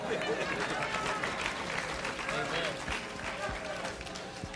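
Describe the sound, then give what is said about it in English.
A crowd breaks into steady, loud applause, a dense wash of many hands clapping at once that holds its level for several seconds, with faint voices mixed into the noise. “Clap now, I dare you.”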